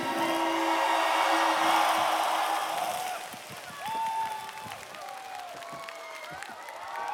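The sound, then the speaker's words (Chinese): A large audience breaks into loud, dense applause for a singer after his performance at a singing competition show, filling the first few seconds, then thinning out, giving way to scattered clapping and a few raised voices. “哇，来掌声再一次给他。”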